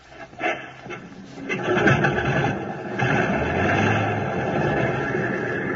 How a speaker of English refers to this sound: Select the number one engine on, sir. Well, here goes.